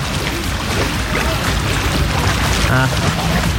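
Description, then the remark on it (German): Outdoor swimming pool ambience: a steady wash of splashing, churning water with indistinct chatter mixed in, and a short raised voice rising briefly above the noise near the end. “Oder vielleicht hilft's mit dem Freibad.”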